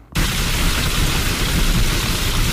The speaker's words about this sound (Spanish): Es una tormenta, ¿no? Exactamente, es el sonido del granizo cayendo